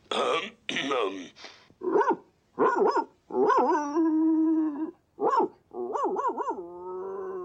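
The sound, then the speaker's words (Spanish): Old Towser, a dog from Charco Seco, barks out a rapid series of loud barks to the colonel as a message, some short and sharp, others stretched into drawn-out, howl-like tones, with brief pauses between bursts and no talking. “Pues ladráselo limpio y con fuerza, o no lo va a entender.”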